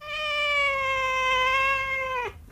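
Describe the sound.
A person imitates a cat with one long, steady, drawn-out meow lasting about two seconds, clear, ending with a quick downward drop. No other sounds accompany it.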